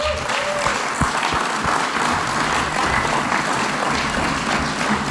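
Steady, dense applause from an audience fills the whole stretch at an even loudness, many hands clapping together with no pauses and no talking on top.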